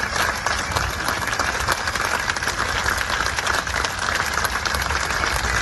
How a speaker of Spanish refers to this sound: Fuera se han quedado también cientos de personas. Su féretro ha salido entre aplausos del museo.